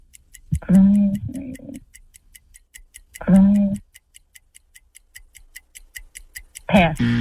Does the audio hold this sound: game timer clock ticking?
yes